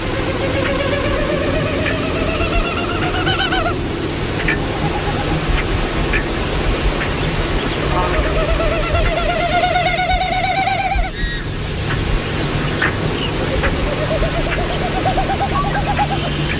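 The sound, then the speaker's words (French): Three bouts of Wilson's snipe winnowing, a pulsing, hollow hu-hu-hu whistle that rises and falls for a few seconds each, produced by tail feathers in flight, over a steady hiss of background noise. “Donc, on peut jouer le son de la bécassine de Wilson.”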